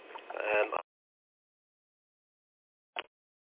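A car's stop-start system restarts the engine with a short, loud crank and rumble that cuts off abruptly, followed by near silence and one faint, brief mechanical click a few seconds later.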